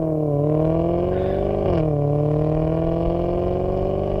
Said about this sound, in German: Und ein Maserati im Hintergrund.